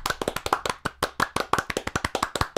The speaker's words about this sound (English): And so, Bob, we commend you. We do. Applause. Good job.